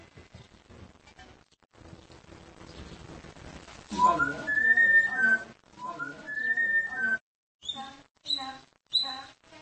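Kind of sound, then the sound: bird, pet parrot whistling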